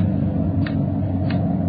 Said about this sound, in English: Sure a loud clock.